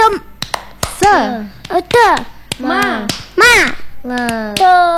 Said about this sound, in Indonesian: Semangat terus, kita tepuk semangat boleh gak? Coba tepuk semangat.